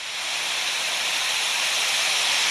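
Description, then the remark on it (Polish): A storm-force wind sound effect, labelled as a storm of 88 to 101 km per hour: a steady, loud, airy hiss that rushes on without pause, bright and breathy with little low rumble and no voices. “Nie, ja bym przynajmniej dał takie świszczące te odgłosy wiatru, bo dokładnie.”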